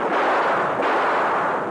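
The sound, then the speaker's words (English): A loud gunshot blast, fired to shoot a lock off a gate at night as thunder rumbles, merges into a sustained, roaring rumble of noise that holds steady for well over a second, with no voices. “I'll shoot the lark off the next time it thunders, Kemosabe.”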